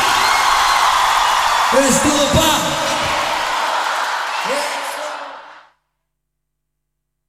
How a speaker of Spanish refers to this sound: ¡Qué grande! ¡Un aplauso muy fuerte!